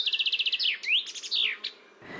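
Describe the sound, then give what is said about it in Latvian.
A common chaffinch sings a single clear phrase: a rapid trill of repeated notes that speeds into a descending flourish and ends with a sharp terminal flick, alone. “Dziesmiņa ir tāds strellītis ar tādu kā punktiņu beigās vai komatiņu beigās.”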